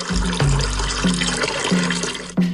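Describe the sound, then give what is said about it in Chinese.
Cooled braising brine pours steadily into a wooden tub in a continuous splashing gush. It is poured layer by layer over ducks until it covers the meat, with a few brief knocks and thumps breaking in as it's ladled. No one speaks. “一层卤汁，一层鸭子，足量的卤汁浸满整个木盆，没过鸭肉，保证鸭子的每个部位都能均匀上色入味。”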